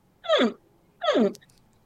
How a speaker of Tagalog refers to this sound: Ganyan po ang tunog ng mga baby crocodile sa kanilang itlog. Ang tawag dito ay pre-hatching calls. At para sa mga ilang buhaya, ang mga tunog na ito ay senyales na malapit nang mapisa ang mga itlog at oras na upang hukayin ang pugad.